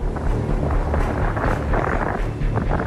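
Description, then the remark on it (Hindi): Strong wind at the seashore in Mumbai, under dark clouds, roars steadily, a loud continuous rumble with gusty swells buffeting the microphone, and no voices present. “काले काले बादल जरूर मंडरा रहे हैं, तेज हवाएं समुद्र किनारे खासतौर से चल रही हैं”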